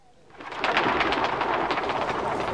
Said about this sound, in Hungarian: Az orológyó harangja két retteneteset kondul. A galambok egyszerre megbolondulnak. Mind a százezer, vagy mind a millió vadul repül fel erre az óraütésre, és mint egy nagy fekete viharfelhő ereszkedik aztán le a tér sarkába.